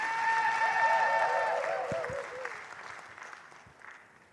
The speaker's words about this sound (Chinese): 谢谢，感谢大家，我满的婆阿姐，哇，满满的掌声哦，谢谢。